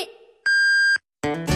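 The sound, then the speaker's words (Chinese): A single loud, sustained electronic beep of a radio time signal marking 8 p.m. Beijing time rings out for about half a second, following a fading tone, then a broadcast of Shandong Sports and Leisure Radio abruptly begins. “现在是北京时间晚上八点。”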